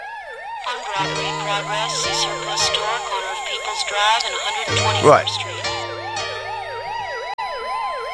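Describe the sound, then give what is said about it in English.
A loud police siren wails up and down in steady rapid cycles for the whole stretch, with a low engine drone beneath and a voice briefly speaking over it. “Yeah, police car for Tuchel, please.”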